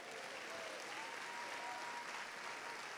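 A church audience applauds God steadily after repeating a Bible verse, a dense wash of many hands clapping at even loudness throughout, with a faint murmur of voices mixed in.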